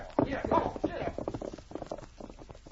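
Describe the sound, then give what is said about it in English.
Horses' hooves clop in a quick, uneven rhythm as men ride away over a ridge, the steps growing fainter as they move away, with brief voice-like sounds mixed in near the start. “The sergeant watched the men ride over the ridge before he started for the site he had picked for his camp.”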